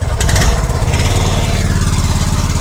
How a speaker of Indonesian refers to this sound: Ya, pendengar, saat ini kami akan melanjutkan perjalanan dengan menggunakan perahu ketinting, di mana kami harus menempuh perjalanan sekitar 1 jam untuk dapat sampai di kampung Korowai Batu.